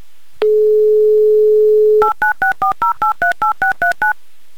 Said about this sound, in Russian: И я прямо сейчас буду набирать ваш номер, а вы, пожалуйста, возьмите трубочку. Поехали.